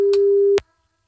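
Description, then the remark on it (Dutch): A telephone ringing tone heard while a 3FM radio host calls a listener: one steady, mid-pitched beep lasting just over half a second, cut off abruptly with a click, then silence. “Ik dacht, ik bel Sergio even op.”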